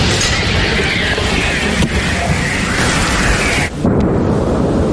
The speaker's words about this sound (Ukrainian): вони відрядили у бік окупантів не одну сотню важких артилерійських снарядів.